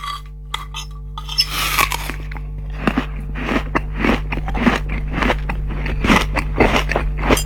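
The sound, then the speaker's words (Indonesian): A father chewing and eating food cooked by his child, with repeated crunchy bites and moist mouth sounds in an irregular rhythm, fairly loud over a steady low hum, with no talking. “Enak banget masakan anak ayah nih. Alhamdulillah nikmatnya makan ini nak.”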